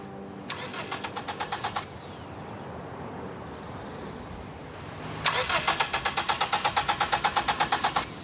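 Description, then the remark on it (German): A car engine cranks repeatedly in two rhythmic bursts of starter whirring, with a rough idle rumbling between attempts, failing to catch cleanly, as the car has problems shortly before a race. Fairly loud, no voices. “Doch kurz vor dem Rennen macht ihr Auto Probleme.”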